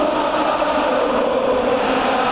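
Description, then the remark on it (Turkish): A huge crowd of Atletico Madrid supporters at the Metropolitano stadium in Spain chants and roars as the teams come out before Atletico Madrid vs Barcelona, in a dense, unbroken wall of sound, loud and sustained throughout with no pauses and no individual voices standing out. “Atletico Madrid tribünlerinde müthiş bir tezahürat.”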